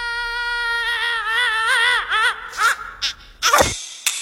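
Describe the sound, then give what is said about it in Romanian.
A high, squeaky cartoon minion scream: a long, wavering shriek that wobbles in pitch, breaks into short yelps, then ends in a sharp, noisy burst before cutting off abruptly. “Da, minionul a țipat”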